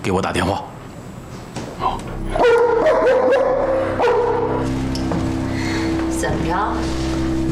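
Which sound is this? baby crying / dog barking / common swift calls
dog barking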